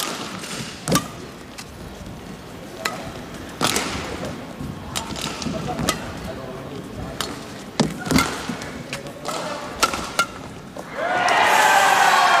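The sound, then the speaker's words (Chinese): Badminton rally on court two with a series of sharp racket cracks on the shuttlecock, irregularly spaced, including hard smash hits, one landing on the sideline, over a busy arena murmur that swells into loud crowd noise at the end. “这一拍球杀过去，球没走，还是偏高了一些。”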